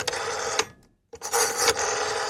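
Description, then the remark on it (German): An old rotary telephone dial, a sound commonly heard in the 1980s, spins back twice, each return a dense mechanical whirring rattle, separated by a brief silent pause. Fairly loud, with no voices. “Das Telefon mit Wählscheibe.”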